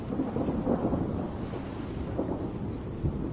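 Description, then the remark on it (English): Deep, continuous thunder rumbles through a stormy soundscape, low and heavy with rolling swells, blended with steady wind and rain noise and no voices. “Like many animals, these penguins seem to fear the roar of the thunder and watch the sky with apprehension.”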